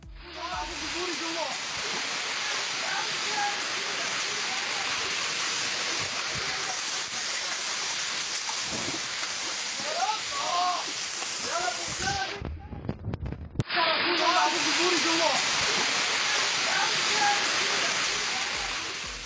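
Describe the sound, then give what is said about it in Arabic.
Rainwater floods into a basement toy shop, pouring steadily onto the goods in a loud, continuous rush, with faint indistinct voices beneath it. The roar cuts out briefly near the end, then resumes just as strong. “أيضا لم تكن الأمطار مجرد مياه غمرت الشوارع أو عطلت حركة السير فقط، إنما خلفت أضرارا مادية جمة لأصحاب المحال التجارية في بعض المناطق، منها صاحب محل لبيع الألعاب يقع محله في قبو، إذ دخلت المياه نحو البضائع وأحدثت ضررا فيها.”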